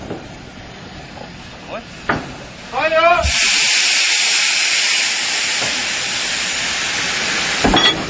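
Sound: steam locomotive hissing steam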